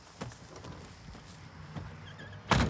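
Doors thud shut, a couple of muffled knocks first, then a louder, sharper slam right at the end, with no one talking.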